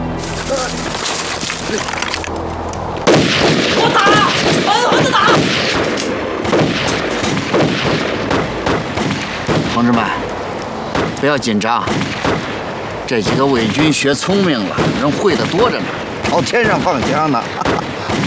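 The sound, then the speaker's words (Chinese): Loud, irregular gunshots crack out again and again, sharp bursts scattered throughout, as several puppet-army soldiers fire their guns into the air, while people shout and talk over the shooting. “同志们，不要紧张，这几个伪军学聪明了，人会的多着呢，朝天上放枪呢。”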